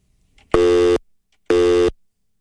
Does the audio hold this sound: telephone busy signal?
yes